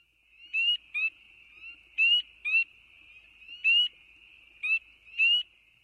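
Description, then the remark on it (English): Shrill, rising peeps from spring peepers, tiny tree frogs found across the eastern United States, repeat in quick pairs every second or so, loud, over a steady high-pitched chorus of more peepers. “This is the sound of a spring peeper.”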